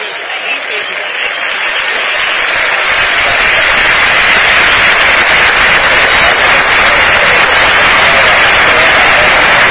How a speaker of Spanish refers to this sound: Hay un aplauso respetuoso en todo el estadio para la memoria de Jorge Messi, el padre de Lionel.